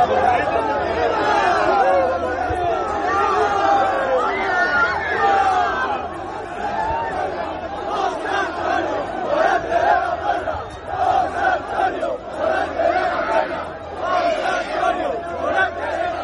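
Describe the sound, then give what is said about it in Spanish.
A large crowd of fans roars and shouts together at the Puerta del Príncipe of the Maestranza in Seville, carrying a man on their shoulders: a dense, steady wall of voices that swells and dips in waves, with rhythmic cheering, applause and chanting of his name throughout. “puerta del Príncipe de la Maestranza de Sevilla, a hombros de una multitud de aficionados que no dudó en agasajarlo con vivas, aplausos y gritos de su nombre.”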